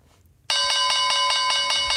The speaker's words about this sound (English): Slight delay in the bell there this morning.